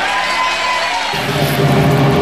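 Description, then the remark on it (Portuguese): A large church audience at Igreja das Nações bursts into loud cheering and applause for the name of the Lamb, the roar swelling midway through and staying dense and sustained, with scattered whoops over the clapping. “Aplauda o nome do Cordeiro que tira o pecado do mundo.”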